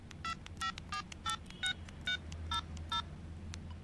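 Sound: telephone number being dialed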